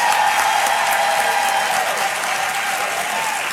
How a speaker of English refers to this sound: Give the panel a big round of applause.